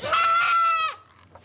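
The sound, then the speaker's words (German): A young dwarf goat kid lets out one loud, high-pitched bleat lasting close to a second, strained and wavering before it breaks off, followed by near silence; it is calling for its mother, who has just been given a worming treatment by a vet. “Was da so schreit, ist das Zicklein der soeben behandelten Mutter.”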